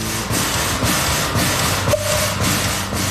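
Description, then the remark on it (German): A steam tram locomotive running in Bern, the only one of its kind still operating from the steam locomotives that pulled trams through the streets over 100 years ago; its steady mechanical rumble and hiss pulse in a regular chuffing rhythm, with a brief faint squeal partway through. No voices are heard. “Dampflokinnen haben die Tram durch die Gassen gezogen.”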